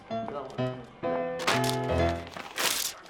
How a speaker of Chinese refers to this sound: 你干嘛呀？你干嘛？你撕它干嘛？这我用铅笔写的。